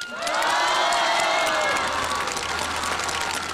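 At the Tianjin Spring Festival Gala, a crowd bursts into sustained applause and cheering to welcome a crosstalk (xiangsheng) star, dense clapping mixed with excited shouts and whoops, loud and steady for several seconds with no one speaking over it.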